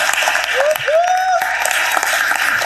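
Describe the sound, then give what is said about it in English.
A crowd applauds a national-championship team for its success in the classroom, a steady dense wash of clapping throughout, with a couple of rising whistles or cheers cutting through near the start. “So please give them a round of applause for doing it in the classroom.”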